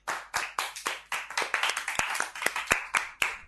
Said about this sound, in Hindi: चलो ताली बजाएंगे।